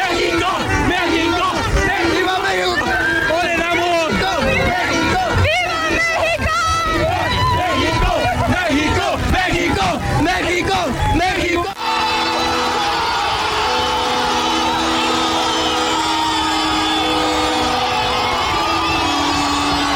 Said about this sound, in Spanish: La ovación a los jugadores llevó implícito la celebración de más de 400,000 almas reunidas, ávidas de soltar el mejor grito de fiesta nacional. ¡México! ¡México! ¡México!